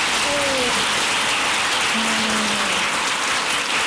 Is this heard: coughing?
no